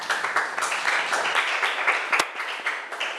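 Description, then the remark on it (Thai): A group of students in a class claps for a classmate who gave a correct answer about what a good citizen is, a dense, steady patter of many hands lasting a few seconds, fairly loud and unbroken, with one sharper clap standing out partway through. “ถูกต้องค่ะปรบมือให้เพื่อนหน่อย”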